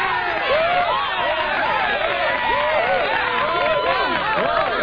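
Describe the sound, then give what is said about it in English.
A canned applause effect played on cue by a show host: a dense crowd cheering and whooping with clapping underneath, loud and steady for the whole few seconds, with no one speaking over it. “Okay, I'm going to hit applause one more time.”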